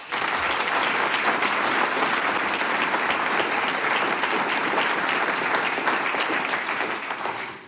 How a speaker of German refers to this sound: Wir bedanken uns schon jetzt für eure Gastfreundschaft mit einem großen Applaus.